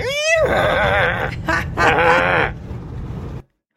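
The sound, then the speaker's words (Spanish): A loud, shrill horse whinny with a quavering, trembling pitch that rises and then wobbles down over about three seconds, heard on its own before it cuts off abruptly. “a mí la vecina me hace relinchar.”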